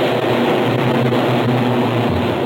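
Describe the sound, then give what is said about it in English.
A loud, continuous engine roar of race cars charging past at the start of a race as the pace car pulls off onto the pit apron, dense, with droning tones that drop slightly in pitch near the end; no voices. “The pace car passed the starting line about at the 90 miles an hour, pulled off to the left onto the pit apron and stopped a few feet from the end of the narrow space of apron as the cars charged past.”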